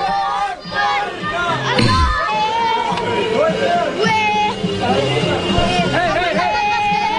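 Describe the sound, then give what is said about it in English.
A crowd of Palestinian children out in the street screams and shouts, celebrating after the 9/11 attacks, many high voices overlapping in loud, continuous cheering and yelling with rising and falling pitches throughout. “Allahu Akbar, kids are out in the street screaming and celebrating.”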